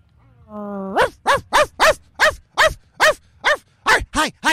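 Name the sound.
dog barking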